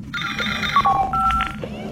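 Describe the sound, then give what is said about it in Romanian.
An electronic alert for an incoming message on channel 3: a sustained bright tone that steps down to lower pitched beeps over about a second and a half, heard clearly above a steady low background hum. “Ai primit un mesaj pe canalul 3?”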